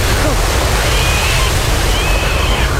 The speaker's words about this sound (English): What's that? What? I hear something. It sounds like a wave.